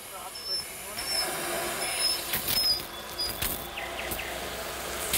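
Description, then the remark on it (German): Birds are sprayed with a shower of water by a zookeeper: a steady, broad hiss of spray with light pattering, and faint, brief high chirps now and then above the rushing noise. “Und die kriegen jetzt gleich noch eine Dusche.”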